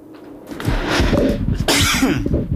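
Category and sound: human body sound, cough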